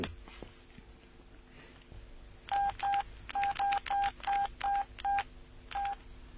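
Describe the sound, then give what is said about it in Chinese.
About eleven short electronic beeps from a telephone keypad as a number is dialed, quick and fairly regular with a brief pause before the last tone, heard clearly over a faint background hum. “哎，对啊，要不我给他打电话。”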